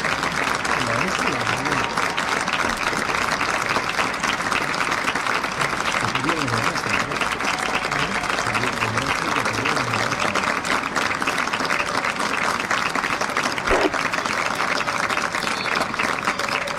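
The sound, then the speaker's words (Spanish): A large football stadium crowd at the Diego Armando Maradona stadium in La Paternal, Argentina, applauds in support of the Messi family in a steady, dense wash of clapping that holds at an even, loud level for the whole stretch, with a low murmur of crowd voices mixed underneath. “El aplauso al público en la Paternal, acompañando como todo el fútbol argentino en esta fecha a la familia Messi.”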